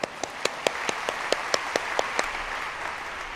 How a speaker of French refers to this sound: Je félicite les traducteurs et traductrices qui arrivent à traduire cela dans toutes les langues. On les applaudit.